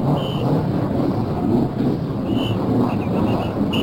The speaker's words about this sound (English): There are those famous words from Tony Holman to start the race, and immediately the cars in the field are starting up. Now we're going to listen to the cars start up. Here they are.